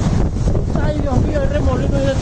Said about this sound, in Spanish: Vea, y ahí está el otro video desde un balcón. Esa lluvia literal.